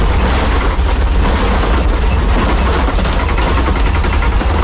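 A car rumbles steadily along an uneven brick-paved road, its low engine drone mixed with a continuous rough, bumpy rattling from the tires over the cobbles, heard from inside the vehicle.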